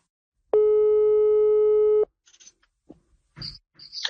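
A telephone ringing tone sounds once as a call is placed to a missing woman's husband: a steady electronic buzz lasting about a second and a half, followed by faint clicks and rustles as the line goes quiet.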